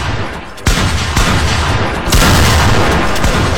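Balloons popped by women playing a balloon pop game: several sharp, loud bangs at irregular intervals over a steady, dense wash of background noise, with no clear speech.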